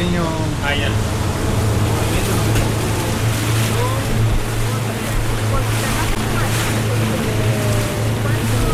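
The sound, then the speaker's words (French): A boat motor drones steadily at a low pitch over water as the boat heads to a salmon farming site with floating cages a few metres away, with constant wind and splashing noise across the whole clip and brief faint voice-like fragments in the background. “Donc on va remonter dans le bateau.”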